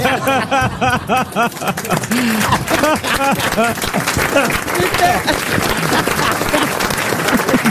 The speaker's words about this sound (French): Ne m'applaudissez pas, comme disait Isabelle Mergaud, c'est mon métier.